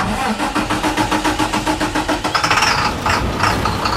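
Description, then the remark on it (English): A diesel school bus engine chugs with a steady, rhythmic knock, then grows louder and rougher as it revs up, with no voices present. “About 9 out of 10 run on diesel fuel, like this one.”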